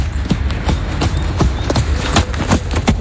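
Horse hooves clip-clop at a steady walking pace at stables on the banks of the Rance in the early morning, about nine sharp strikes in three seconds, over a constant low rumbling background with no one speaking.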